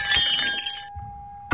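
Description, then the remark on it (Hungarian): A ceramic plate smashes loudly on a hard floor and breaks into 29 pieces, a bright crash followed by a ringing tone that lingers, then one more sharp clatter of a shard settling at the end. “Eltörtem egy tányért. Anyám kedvenc tányérját.”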